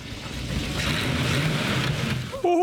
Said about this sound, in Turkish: Duyduğum zaman anlayacağım. İşte bu. Çıkardığı ses ve verdiği his şüphe yok ki motorun gücünü geri kazandığını gösteriyor. İşte bu.